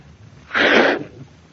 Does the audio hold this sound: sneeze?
yes